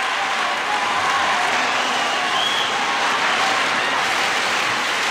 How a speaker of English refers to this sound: audience rose as one to applaud the distinguished company of players